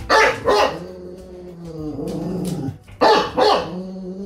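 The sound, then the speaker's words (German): A bulldog named Horst, who lives in Hüttenberg in the Lahn-Dill-Kreis, barks loudly in two quick pairs of deep barks, with a low, rumbling growl filling the pause between them. No one speaks. “Das ist Bulldogge Horst.”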